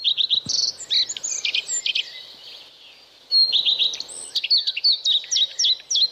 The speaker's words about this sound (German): So tönt der Gartenrotschwanz. Und im Domlesk ist der, anders als in anderen Teilen der Schweiz, nur erstaunlich häufig zu hören.